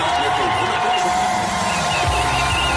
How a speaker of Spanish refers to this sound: Así vitoreaban el inicio de la entrevista en Antena 3.